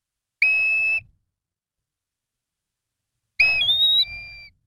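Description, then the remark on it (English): A non-breeding black-bellied plover on the Cape gives two clear, plaintive whistled calls separated by a pause of silence; the second call is longer, with a sliding, slurred pitch. Both ring out loud, with no other sounds. “we're at the Cape enjoying some sun and relaxation, looking for birds down there, and black-bellied plovers can be found this time of year.”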